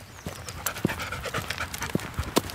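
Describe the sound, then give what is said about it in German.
A black Australian Shepherd dog pants in quick, uneven breaths with sharp huffs scattered throughout while on a walk along the Franconian Saale valley near Hammelburg, Germany, over a faint, steady outdoor background with no talking. “ein schwarzer Australian Shepherd, der gerne mit unterwegs ist.”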